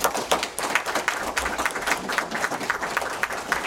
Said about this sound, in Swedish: Tack för era svar. En applåd.